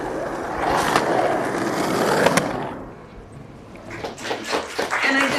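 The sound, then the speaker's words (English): Skateboard wheels roll and clatter across pavement at Venice Beach in Los Angeles, a busy outdoor space, with sharp clacks of boards hitting the ground and a wash of crowd noise and chatter around them. “Venice Beach.”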